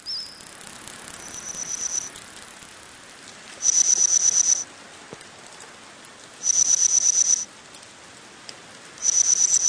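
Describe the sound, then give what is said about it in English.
Reconstructed chirps of ancient insects of a Middle Jurassic forest, about 165 million years ago, recreated from insect fossils, current insect vocalizations and AI: insect-like chirping in repeated bursts, each about a second long, a high pure buzzing trill returning every few seconds over a steady hiss like rain, with a fainter chirp near the start. “You're listening to the reconstructed chirps and cheeps of some of the ancient insects you might hear in a Jurassic forest.”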